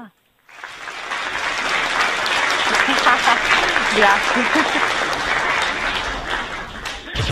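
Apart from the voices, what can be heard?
audience applause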